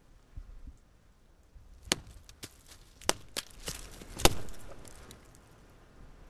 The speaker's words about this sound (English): A tree knock. It's a type of call and response from hitting a tree.